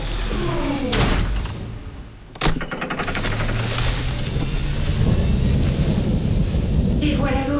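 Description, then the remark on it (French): Heavy rain hisses steadily throughout as a sharp, loud crack of thunder splits the air, followed by low rolling rumbles beneath the downpour. “Et voilà l'orage.”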